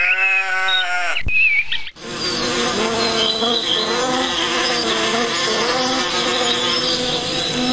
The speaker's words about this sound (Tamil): அப்பாடா, தோட்டத்துக்கு வந்து தேனீக்களை பார்க்கும்போது தான் ரொம்ப சந்தோஷமாக இருக்குது. தேனி எல்லாம் எப்படி ஒற்றுமையாக இருக்குது. இதோட சத்தத்தை கேட்டுக்கிட்டே இருக்கணும் போல இருக்கு.